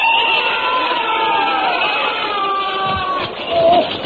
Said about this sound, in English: I was rather shaken by that terrible noise. What are they doing out there? Bayonet practice, of course.